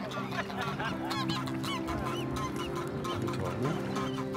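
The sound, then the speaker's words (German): A flock of geese in Hamburg honking continuously, many overlapping nasal calls forming a dense, loud chorus with no pauses throughout. “Penthouse-Gänse.”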